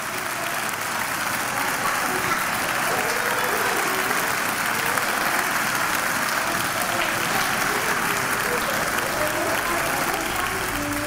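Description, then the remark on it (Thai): Sustained applause from many hands clapping at once, a dense, steady crackle of overlapping claps that holds at an even level for the full length without pausing. “เสียงนี้คือเสียงปรบมือนะคะคุณลักษณะของเสียงเป็นอย่างไรเป็นเสียงสั้น”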